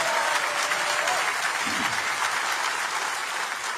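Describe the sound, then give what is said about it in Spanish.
An audience breaks into sustained applause, a dense, steady wash of clapping that holds at an even loudness for several seconds with no voices over it. “Ah, si lo vas a hacer, dáselo a Jesús, porque ese aplauso no aparece para Él.”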